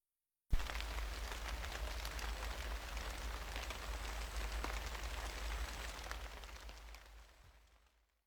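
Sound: light rain falling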